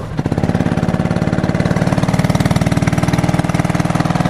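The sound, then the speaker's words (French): A go-kart engine revs at a kart track, loud, its rapid, steady chugging pulse filling the whole clip with a throaty, buzzing rumble and no voices over it. “C'est prêt là, vas-y, fais-nous grandir ton moteur là.”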